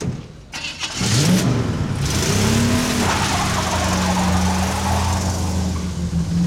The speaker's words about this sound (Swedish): Bilen körde i full fart. Hus och hotell susade förbi.